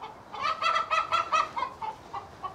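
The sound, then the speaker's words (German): Chickens cackling in a rapid series of about ten harsh, nasal squawks, loud at first, then trailing into a few shorter, fainter clucks, as they are chased and caught to be put into a mobile chicken coop. No one speaks. “Das Gegacker ist groß.”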